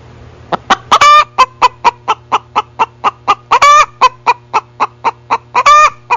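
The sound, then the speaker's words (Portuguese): A hen clucks in a quick, steady series of short calls, broken three times by longer, louder squawking cackles, with a low constant hum underneath and no talking. “Do nada aí, a galinha começa a cantar aí e nós fica doido aqui, ué.”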